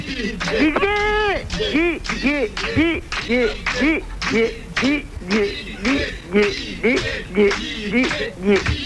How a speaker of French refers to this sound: Vous entendez, Martine? Si vous m'entendez, écoutez le public qui crie mon prénom.